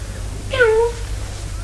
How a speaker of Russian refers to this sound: Мяу.